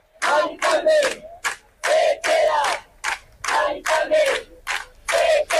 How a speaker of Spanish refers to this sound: Son algunos de los gritos. Salían de las gargantas anoche de los centenares de vecinos que han pasado toda la madrugada acampados